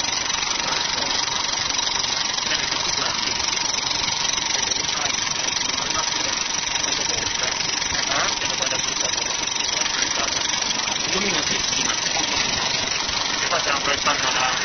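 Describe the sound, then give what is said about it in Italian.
A film projector mechanism runs steadily while projecting a trailer over a short throw of about 8-9 metres, a continuous whirring clatter with a faint rattle, while indistinct voices murmur underneath. “Molto ravvicinata, io penso che siano un giro di 8-9 metri, mentre di solito la macchina cinematografica proietta una distanza molto superiore.”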